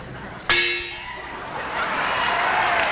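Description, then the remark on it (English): A large imported gong is struck once, loud, with a bright metallic crash that rings on and swells into a shimmering wash that lingers to the end. “And imported Edmonton Gong.”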